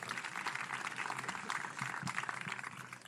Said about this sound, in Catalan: Aquest aplaudiment és per tots ells.